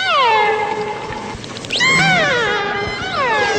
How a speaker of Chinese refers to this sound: 这是虎鲸，它的叫声是这样的。